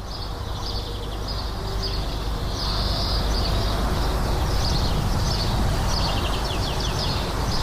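Outdoor village ambience in Aránguiz, recorded in the morning: a steady low rumble of road traffic from the nearby N-622 road toward Altube fills the background while small birds chirp and twitter in scattered bursts throughout, with no voices.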